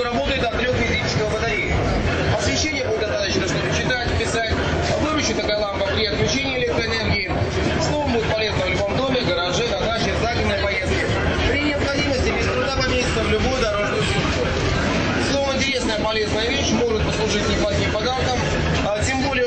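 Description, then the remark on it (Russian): Steady, loud rumble of a metro carriage running between Volgogradsky Prospekt and Tekstilshchiki metro stations, a dense continuous roar throughout, with a murmur of passengers' voices mixed into the noise. “Переезд между станциями метро Волгоградский проспект, Текстильщики, 12:15.”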